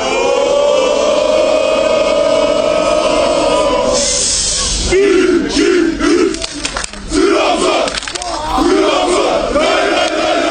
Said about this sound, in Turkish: Burada meşaleler yakıp takımlarının marşını söyleyen taraftarlar Mustafa Eskiyerliç'in getirdiği şampiyonluk kupasını kaldırıp tezahüratlarda bulundu.